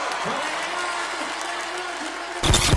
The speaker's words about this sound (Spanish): ¡Fuertes aplausos!